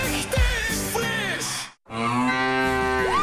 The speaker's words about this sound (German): Finde die letzte muhende Müllermilchflasche